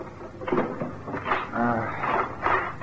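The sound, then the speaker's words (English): A drawer creaks and scrapes open, followed by several rummaging, squeaky bursts of wood and contents shifting in an uneven rhythm, with no one talking. “Yes, in a drawer, perhaps.”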